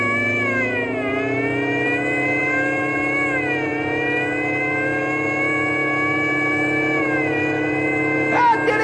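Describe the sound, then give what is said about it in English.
A loud, whining car engine with the supercharger and emergency speed gear kicked in roars steadily, its pitch climbing and then dropping back several times as if shifting gears while accelerating hard, with no talking. “I'm going to kick in the supercharger and the emergency speed gear.”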